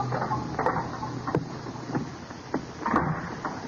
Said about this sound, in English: And footsteps sound in the corridor. The door opens.